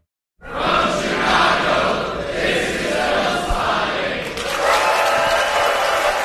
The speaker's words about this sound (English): That was the packed crowd just this past Sunday at the Music Box Theater in Chicago, there to close out Film Spotting Fest.